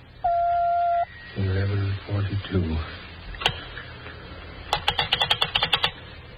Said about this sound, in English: When you hear the signal, the time will be 11:41 and 3/4. When you hear the signal, the time will be 11:42.